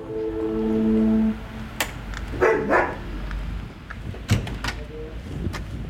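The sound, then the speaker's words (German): A steady buzzing tone like a door intercom, then a few sharp dog barks in a short burst as a visitor arrives at the door, mixed with door clatter and knocks. “Ja, ich wollte die Hunde nicht verschrecken.”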